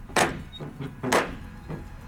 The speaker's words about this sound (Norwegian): Og sånn gammel dørklinke. Sånn skikkelig sånn ring, sånn i metall som du kan slå med. Helt riktig, stor brun ring. Hva høres ut som jeg slår på en måte? Nei, det er jo en tung tredør kanskje, eller er det metall til og med? Tung tredør